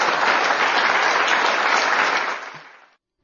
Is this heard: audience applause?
yes